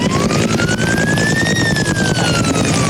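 Loud, steady chopping of firefighting helicopter rotors as the helicopters make water drops over a wildfire in a pine forest, while a siren slowly rises and falls over it; no one speaks.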